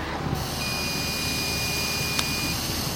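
Someone blows steadily into a breathalyzer for about three seconds, a thin, continuous high beep sounding over most of the breath, with a brief sharp click near the end. No one speaks.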